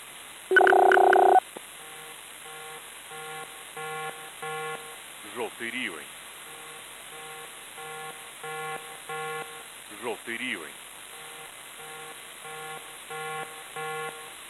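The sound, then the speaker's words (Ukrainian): A loud electronic air raid alert tone sounds at the start, followed by a steady pattern of repeated short beeps, while a voice twice briefly announces an air raid alert from the Civil Protection Department of the Poltava Regional Military Administration. “Громадяни, повітряна тривога, повітряна тривога.”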